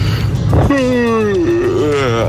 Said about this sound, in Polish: Najdziwniejsze ziewnięcie?